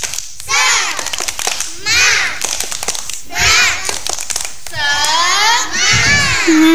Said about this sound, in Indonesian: Hebat semua. Tepuk semangat.